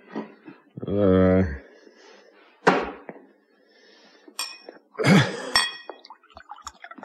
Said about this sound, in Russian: Эрнест грохнул на стойку пустую кружку, выхватил из холодильника бутылку, откупорил ее и наклонил над кружкой.